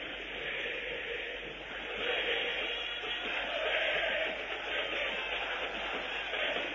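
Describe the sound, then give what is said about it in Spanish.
Football fans, 'la banda del Lobo', chant together in a stadium during a radio broadcast, a dense, continuous roar of many voices that holds loud and steady and swells slightly partway through, with a thin, broadcast-like tone. “Escuchá la banda del Lobo.”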